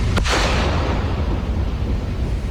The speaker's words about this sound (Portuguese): Agentes da Polícia Federal instalaram explosivos em uma pista de pouso clandestino no meio da floresta em Tefé, no Amazonas. Em segundos, a explosão destruiu o local.